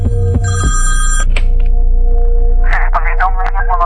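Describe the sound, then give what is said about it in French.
A telephone rings with a bright, buzzing bell tone in the first second, followed by a steady electrical hum and muffled, indistinct voice-like sounds later on, as an automated answering machine announces the person on the line is a scam victim, in a video reconstruction published by Ukraine's anti-corruption bureau. “Le téléphone sonne, un répondeur automatique annonce que la personne au bout du fil est victime d'une arnaque.”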